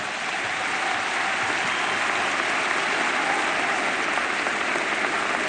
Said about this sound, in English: Clap your hands and give God a praise.